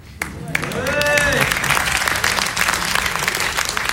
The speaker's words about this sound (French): Non, mais c'est vrai, depuis le début, dès qu'un sketch se finit, vous applaudissez. Alors que personne ne vous a briefé, c'est génial.